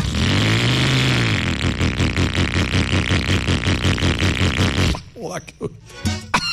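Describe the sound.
A rough, sputtering old junk motorcycle engine, giving off lots of smoke, revs loudly with a rapid, choppy putter for about five seconds, then cuts off as someone briefly speaks.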